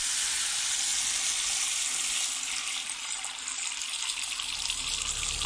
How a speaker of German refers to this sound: Deinen Kopf, aufgepolstert von der Heizungsluft, hältst du unter den Wasserhahn.